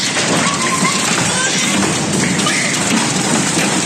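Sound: heavy hailstorm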